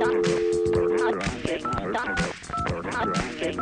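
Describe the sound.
Touch-tone phone dialing tones: a steady paired tone at first, then several short, distinct beeps in a quick irregular sequence, heard over a busy, loud background with voices talking.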